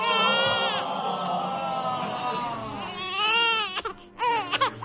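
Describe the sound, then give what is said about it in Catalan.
A newborn baby wails in one long, loud, strained cry, then breaks into shorter gasping sobs and choppy bursts toward the end, with no talking. “Aquest plor no el fem servir gaire sovint.”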